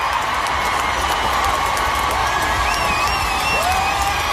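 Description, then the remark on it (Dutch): A large concert crowd applauds and cheers steadily for a singer who had choked on his water and lain coughing on the stage, dense clapping filling the whole stretch with scattered whoops and high shouts rising above it at a constant, loud level, lasting at least a minute. “Dit applaus duurde minstens een minuut.”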